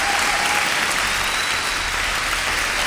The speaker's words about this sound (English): I'm just keeping the applause going, I'm pretending it's for myself.